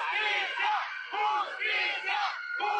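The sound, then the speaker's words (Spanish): Protesters chant a slogan demanding justice for Alejandro in unison amid band music at a calenda parade, loud rhythmic shouted phrases repeating in bursts of roughly a second each with brief gaps between them, voices strained and blended together. “Pese a la música de las bandas y gritos, sí se alcanzó a escuchar el grito de justicia para Alejandro.”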